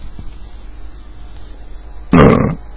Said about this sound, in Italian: Allora vediamo un po' in sottofondo, non so se sentite, ma ci sono dei fuochi d'artificio che provengono da molto lontano.